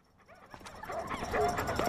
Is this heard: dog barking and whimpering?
yes